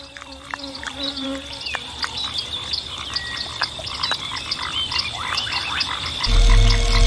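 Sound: bullfrog croaking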